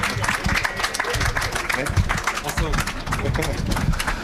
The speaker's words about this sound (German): Ja, Applaus, Applaus, Applaus, Applaus.